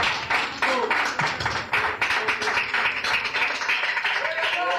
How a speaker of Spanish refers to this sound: ¡Un aplauso a Cristo, hermanos! ¡Gloria a Dios! ¡Gloria al Señor!